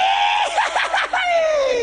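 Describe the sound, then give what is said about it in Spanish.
A person vocally imitates a siren: a loud, sustained wailing tone that warbles rapidly up and down in the middle, then slides steadily downward for about two seconds. “A ver, tírate una sirena que la gente.”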